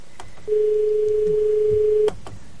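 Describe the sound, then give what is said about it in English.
A single steady telephone ring tone heard over a phone line while the call is not coming through, one unbroken buzz lasting under two seconds, fairly loud against a faint background hiss, with no one talking. “The phone's ringing furiously, but it's not coming through.”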